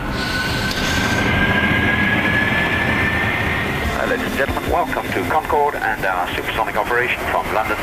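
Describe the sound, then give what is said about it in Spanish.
A loud, steady roar of a Concorde in supersonic flight with a thin high whine through the first seconds, then voices talking over the continuing rumble. “Esto es un sonido real, un vuelo real.”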